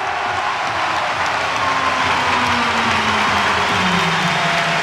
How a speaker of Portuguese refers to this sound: Alvalade de pé, mãos ao alto, aplausos, fazem-se vénias E Morita a ser aplaudido em Alvalade. Faz isso muitas vénias para Morita.